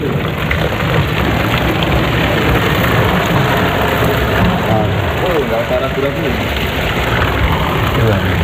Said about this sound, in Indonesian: Panas, mendidih. Sudah mendidih 100 derajat